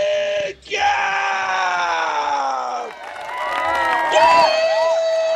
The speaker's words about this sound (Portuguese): solta de novo pra gente o grito